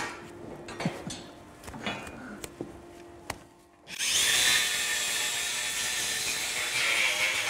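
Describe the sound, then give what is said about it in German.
A few scattered clicks and knocks, then an angle grinder starts up loud, trimming a cow's hooves, its harsh high whine and grinding running steadily until the end, with no one talking. “Also für die Kuh ist das, denke ich, relativ egal, ob die jetzt mit der Flex oder mit dem Messer.”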